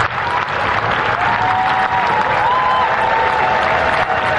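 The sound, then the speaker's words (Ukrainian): Sustained applause from a large crowd gathered on Downing Street outside the British Prime Minister's residence, dense and steady for several seconds, with a faint whistle-like tone rising and falling over the clapping and no speech. “Після зустрічі з Чарльзом Третім Бернем вирушає на Даунінг-стріт під резиденцію прем'єр-міністра натовп людей.”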